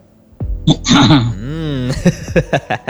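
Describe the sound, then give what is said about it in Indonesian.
Loud bursts of coughing and throat clearing, several rough hacking sounds with a drawn-out voiced grunt in the middle, and no clear speech. “Mungkin ada batuk-batuknya dulu biasa itu teman produk.”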